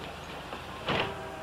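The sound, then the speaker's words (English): A bus's rear door, unlocked by the driver at a bus stop, opens with a brief, fairly loud pneumatic hiss and clunk to let a passenger off, rising above a steady low engine hum that continues throughout. No one speaks. “Mr. Staley must unlock the rear door before anyone can get off”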